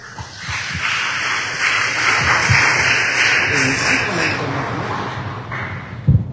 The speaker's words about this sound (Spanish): Y también lo recibimos con un fuerte aplauso.